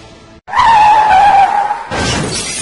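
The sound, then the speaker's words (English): Tires squeal in a long, loud skid lasting over a second, then a car slams into something with a crash of shattering glass. Loud, with no voices. “When you're not completely focused on driving, a crash can happen in an instant.”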